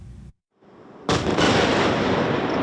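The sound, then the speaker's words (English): A low rumble cuts out briefly, then a loud, sudden explosion bursts in and rolls on as a sustained roaring boom during a Russian missile and drone attack on Kyiv, Ukraine, at night. No one speaks. “Kyiv was under attack right through the night, shaken by huge explosions as Russia targeted this city with its missiles and drones, and Ukraine tried to defend itself.”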